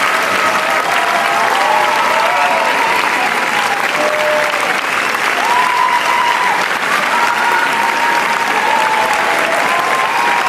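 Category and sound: crowd, audience ovation applause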